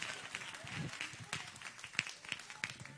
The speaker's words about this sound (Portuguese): E as palmas são para Jesus.